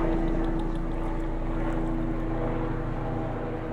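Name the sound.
helicopters flying overhead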